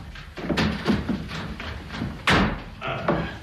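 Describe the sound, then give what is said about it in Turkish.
A door being opened, with a series of dull thumps and clunks, one sharper bang near the end, and no voices. “Açın kapıyı! Geldim, geldim!”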